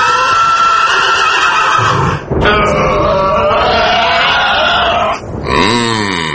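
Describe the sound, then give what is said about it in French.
Pegasus, the horse ridden by Perseus, neighs loudly as Perseus charges a sea dragon: several shrill whinnies running together with short breaks and a snorting grunt, ending in a descending whinny, over a steady background din. “Il va se faire renverser de son cheval.”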